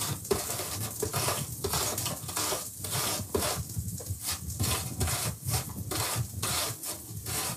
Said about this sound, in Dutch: En nu de appel. Ook raspen, hè. Een beetje voorzichtig zijn.